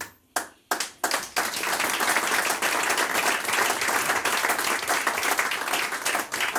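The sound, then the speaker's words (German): Applause from an audience approving a speaker's statements about the stage in Guttenbrunn begins with a few separate claps, then swells quickly into steady, dense clapping that holds at an even, fairly loud level to the end. No one speaks. “Das Publikum gutiert Ihre Aussagen, also zufrieden auch mit dem alles, was in Guttenbrunn durch diese Bühne gegangen ist.”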